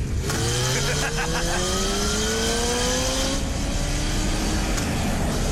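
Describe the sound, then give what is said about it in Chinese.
A motorcycle engine revs up steadily as Moloch rides up on it, its pitch climbing continuously over several seconds, loud with a rough, throaty roar. “这时，摩洛骑着摩托车出现了，而他正是要为布雷兹他们引路的。”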